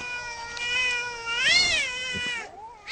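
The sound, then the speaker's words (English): A stray cat yowls in one long, drawn-out, wavering cry that rises and falls in pitch, loud, angry and agitated, while fighting a bush turkey in a front yard at 12:50 at night in New Minor Beach, with no talking. “And then at 12:50 this morning, I hear a stray cat having a fight with a bush turkey in our front yard.”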